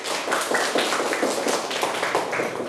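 A group claps steadily for a few seconds, a dense patter of many overlapping hand claps at fairly close range, holding an even level throughout with no voices over it.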